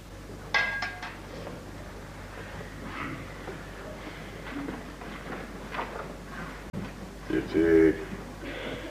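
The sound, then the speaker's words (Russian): A glass of water clinks sharply near the start, followed by quiet shuffling and soft handling sounds as it is handed to a man, with a few muffled voice sounds in the background. “подает Вишневскому стакан воды”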